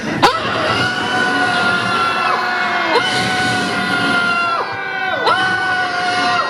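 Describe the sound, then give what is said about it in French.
A large crowd shouts and yells together in a loud, continuous roar, many voices overlapping with long sustained cries that rise and fall in waves. “J'aimerais bien qu'au lieu d'une minute de silence, on gueule, on crie notre colère, et on est dégoûté et on veut que ça change, et s'il vous plaît, me laissez pas crier toute seule.”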